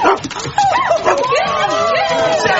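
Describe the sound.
A male dog yips and whines in a rapid, excited series of high-pitched barks, fairly loud, with people talking over it at a workplace.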